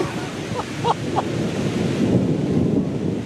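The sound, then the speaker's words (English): Steady rain hisses outdoors with a low, rolling rumble of thunder underneath as a storm starts, and a few brief chirps early on; no one speaks. “So we just parked, and it is starting to thunder and rain.”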